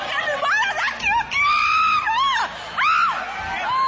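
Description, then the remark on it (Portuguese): Several people scream loudly together during an exorcism, shouting for Jesus to burn the demon: long overlapping high-pitched wails that rise and fall in waves, with brief breaks between bursts and a crowd-like clamor underneath. “Vocês não gritam para Jesus queimar ele?”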